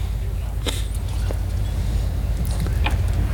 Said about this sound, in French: enregistrer le son. Ouais. Le son des bateaux.